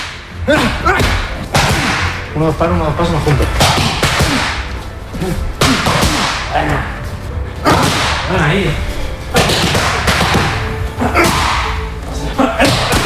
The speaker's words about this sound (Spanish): Este es el sonido. Así suenan los puñetazos de Topuria cuando entrena con Climent.